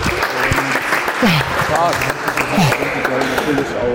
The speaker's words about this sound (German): Der Applaus übrigens im Hintergrund, das sind die ganzen Polizeischüler. Die haben mich angefeuert.